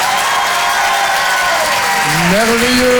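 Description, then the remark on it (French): An audience at the Rire et Chanson Comedy Club claps steadily and loudly as a comedian takes the stage, a dense wash of applause, with whoops and cheers rising over it toward the end. “Bonsoir tout le monde, faites du bruit.”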